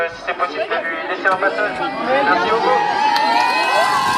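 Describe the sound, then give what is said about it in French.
A crowd of high school students protesting and blocking their school cheers and shouts together, loud, with a few sharp claps early on as they applaud while moving aside to let a car pass, before the cheering swells into a sustained, excited roar. “Des battles de danse et des applaudissements quand il faut se pousser pour laisser passer une voiture.”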